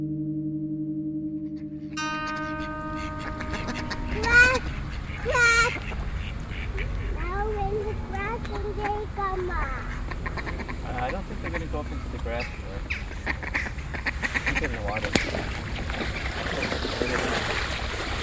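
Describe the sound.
A group of ducks quacks repeatedly at close range, the calls coming in quick, overlapping bursts over a steady outdoor wash of water and background noise, with faint voices nearby.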